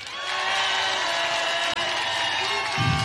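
A crowd breaks into steady applause, a dense wash of clapping that holds at an even, loud level for about three seconds.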